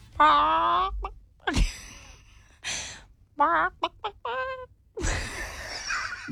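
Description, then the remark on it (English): A person's voice mimics a seagull, letting out a series of loud squawks and wailing cries in short bursts, ending with a longer rough call. “I'm a really good seagull.”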